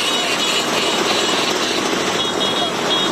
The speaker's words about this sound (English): One of the country's best-known exports, the Vespa, is celebrating 80 years. Thousands of scooter owners from around the world are parading through Rome.